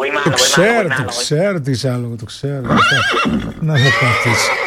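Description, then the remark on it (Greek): A horse neighs loudly in a series of wavering, high-pitched whinnies that rise and fall, repeated several times across the few seconds with little pause between. “Λοιπόν, είμαστε εδώ παρέα με τον με το άλογο του ομίλου μας,”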